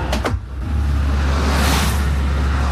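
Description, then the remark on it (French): A steady, loud roar of road traffic as a stream of several cars passes one after another, the noise swelling and fading with each vehicle; no one speaks. “Ah, voilà, tu vois, une flopée de voitures qui passe, tu vois, une flopée de voitures.”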